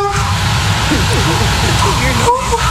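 A sleeping woman makes soft, puppy-like whimpers: a run of short, wavering squeaks that rise and fall in pitch over a steady, low, breathy rumble.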